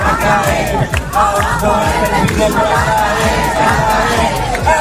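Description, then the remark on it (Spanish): Tens of thousands of protesters roar and chant in the streets of several Spanish cities on a Saturday, a dense, continuous wall of many voices shouting together with no break, demanding the right to affordable housing and denouncing the rental market. “Es el de decenas de miles de personas que han vuelto a salir este sábado a las calles de distintas ciudades españolas para reclamar el derecho a una vivienda accesible y denunciar la situación del mercado del alquiler.”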